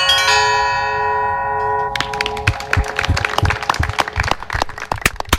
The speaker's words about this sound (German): der mit seinen beiden Händen ganz virtuos die Glocken schlug.